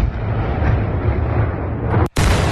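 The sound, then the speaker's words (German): A loud, deep rumbling roar of artillery explosions from Russian attacks on a city at night during curfew in the first days of the war rolls on continuously, booming and dense, drops out for an instant near the end, then resumes at full force. No voices. “In dieser Zeit versank die ganze Stadt in völliger Dunkelheit, die nur von den Lichtblitzen der Explosionen der russischen Angriffe durchbrochen wurde.”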